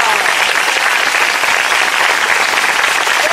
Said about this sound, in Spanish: Un fuerte aplauso al Señor, iglesia, no se duerma.